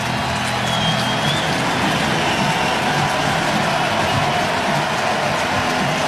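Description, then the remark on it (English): A baseball stadium crowd roars and applauds pitcher Miz as Pat Murphy takes the ball from him after a 101 mph strikeout, in a loud, steady wash of cheering and clapping that holds without pause for the full six seconds, with no one speaking over it. “Miz not happy about it, but he's going to get a roaring applause from the crowd.”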